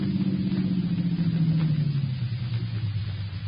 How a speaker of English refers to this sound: There's a car coming up now. Keep out of sight.